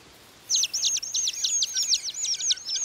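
Song thrush calls: a rapid run of high, bright chirping notes repeated over and over in quick rhythmic bursts, fairly loud and steady, with no voices and only a faint background hiss.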